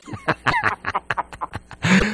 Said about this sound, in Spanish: Válgame, yo que estoy escuchando una gallina por ahí a esta hora. Una gallina nocturna.